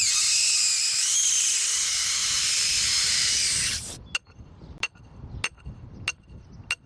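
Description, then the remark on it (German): On a corn field, a loud, steady hiss of helium rushing from a gas cylinder into a balloon for about four seconds, then it cuts off and five sharp metallic knocks follow at regular intervals as a metal rod is knocked into the ground. “Die Ballons füllt er mit Helium, damit sie in die Luft steigen.”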